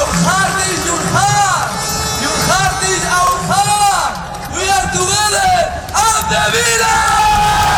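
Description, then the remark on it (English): A large, loud crowd of thousands of Aston Villa football fans cheers and shouts together outdoors in Birmingham at an open-top bus parade through the city celebrating the Europa League trophy, with rising whoops and bellowed chants in repeated swells over a constant roar of mixed voices. “Aston Villa's players have lifted the Europa League trophy again in front of thousands of fans in Birmingham”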